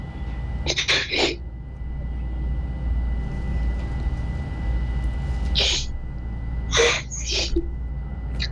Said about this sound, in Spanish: Está llorando de emoción.